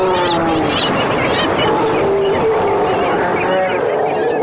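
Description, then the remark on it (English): A Steller sea lion colony in full chorus, with males and pups of different ages and sexes: many overlapping bleating and guttural calls blend into a loud, continuous din with no pauses, wavering up and down in pitch. “You will hear pups who will bleat to the mother for identification.”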